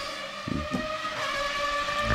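A Formula One V10 engine screams at high revs, a loud, piercing sustained whine that holds steady with slight shifts in pitch and a couple of brief low thumps early on.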